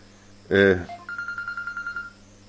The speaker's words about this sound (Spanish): ¿Qué sonó? Su teléfono. Y encima viene con el teléfono haciéndolo sonar.